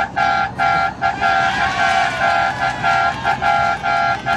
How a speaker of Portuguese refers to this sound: Olha o buzinaço da madrugada. Buzinaço da madrugada.